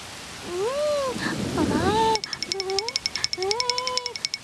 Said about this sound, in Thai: ไม่ทันซะแล้วฝนตกลงมาซะแล้วล่ะฟาฟา ฮะฝนตก